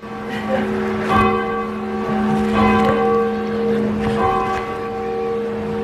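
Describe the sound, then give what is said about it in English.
Bells of the Old North Church, dating from 1740, ring out in overlapping peals, with fresh strikes about every one and a half seconds and long, humming tones sustaining between them. Loud, with no voices. “I think we have a video of you ringing the bell in the Old North Church”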